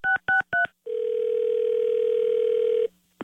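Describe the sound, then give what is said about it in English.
A telephone call being placed for a K-Win radio prank call: three quick keypad beeps, then a single long, steady electronic tone lasting about two seconds, clear, with no voices. “Don't answer the phone. It's another K-Win Carmen prank call.”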